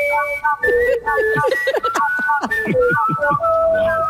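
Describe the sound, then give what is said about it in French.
A loud, melodic whistled tune played on CKFM radio, with several sustained, wavering notes and sliding pitches layered together, like a small group of local whistlers from Belleville whistling in harmony over a busy musical backing. “Distorsion de Smooth Rock Falls et les sifflettes de Belleville.”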